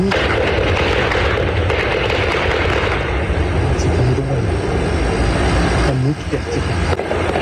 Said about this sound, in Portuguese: O intenso tiroteio se prolongou durante a madrugada e foi registrado por moradores da região.